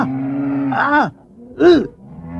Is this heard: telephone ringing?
no